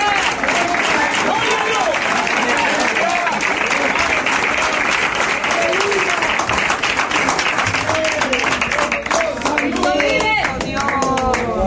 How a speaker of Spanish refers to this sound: Yo voy a aplaudir por alguno de ustedes que no pueden aplaudir en esta hora.